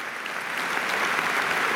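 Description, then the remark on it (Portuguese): A large audience at a political party congress in Portugal applauding a speech on pensions, a steady, dense wash of clapping that holds at an even, loud level throughout without any voices breaking through. “Tem de ser o aplauso do Congresso.”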